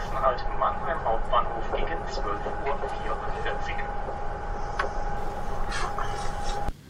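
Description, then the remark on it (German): Steady rumbling train-carriage interior ambience with a constant low drone and a faint whining hum, plus scattered clicks and muffled, indistinct voices, ending abruptly. “Meistens bekomme ich im Zug von diesem veränderten Zungenschlag aber nichts mit.”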